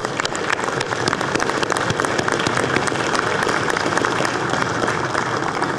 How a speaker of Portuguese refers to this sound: E a justiça do trabalho, eu peço uma salva de palmas.